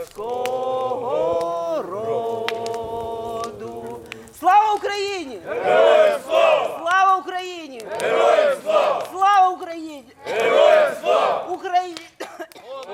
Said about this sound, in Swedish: Men runt brasan här framför mig så står det ett gäng ukrainska soldater och kikar upp på stjärnhimlen. De har precis skickat upp röda papperslyktor och de sjunger Ukrainas nationalsång.